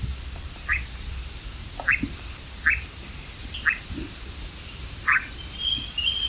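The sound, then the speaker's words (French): A nightjar's churring call runs as a steady, unbroken high drone through the whole recording. Short croak-like calls break in about once a second. No one speaks. “On l'entend aussi donc pousser ce ronronnement que je vous fais entendre depuis un moment.”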